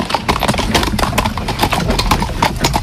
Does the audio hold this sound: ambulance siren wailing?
no